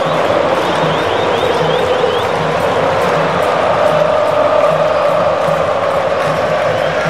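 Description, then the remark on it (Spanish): A large crowd of Brazilian football fans chants together in a stadium in Philadelphia, a loud, steady roar of many voices with a sustained sung tone running through all seven seconds. “Escuche, escuche a la afición brasileña.”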